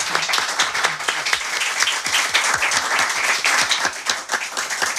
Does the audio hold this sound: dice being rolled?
no